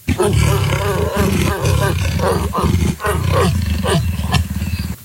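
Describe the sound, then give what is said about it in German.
A leopard growls loudly and continuously, a deep, rasping rumble broken by a few brief pauses, with rhythmic grunting pulses running through it for several seconds. “Leopard. Da waren wir beide meilenweit entfernt jetzt”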